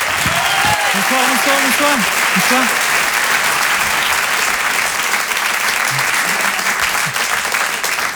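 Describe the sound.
Loud, dense applause from a large audience rolls on steadily for about eight seconds, with a voice briefly calling out over it near the start.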